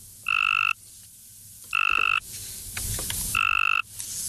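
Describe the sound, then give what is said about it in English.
Three evenly spaced, loud buzzy trills from a Cope's gray tree frog, the mating call of a weaker, less attractive male used in a study of female tree frogs' choice, each lasting under half a second with brief pauses between, with no voices. “The second, the call of a weaker,”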